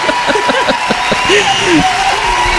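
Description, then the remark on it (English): Dense crowd applause fills the whole stretch at a steady, loud level, with scattered cheers and whoops rising over the clapping. “Lady of applause.”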